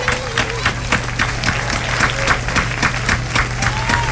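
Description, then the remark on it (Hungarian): A crowd bursts into sustained applause after a jump rope routine, dense clapping filling the whole stretch at a steady, loud level with a faint murmur of voices underneath. “Nagy tapsot neki!”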